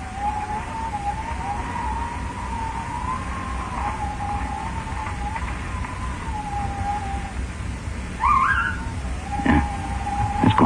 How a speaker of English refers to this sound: Yeah, I think I hear a car. Yeah. He's stopping down the hill.